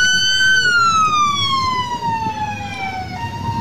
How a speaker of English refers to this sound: So you can see all the masked, armed, whoever they are, ICE, obviously. An unmarked white van with its lights and sirens on.